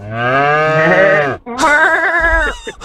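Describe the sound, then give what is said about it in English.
A voice imitates a cow mooing in two loud, drawn-out calls, the second wavering and bleat-like, with a brief low rumble near the end and no talking. “just did a moo cow and I had the little button ready to go.”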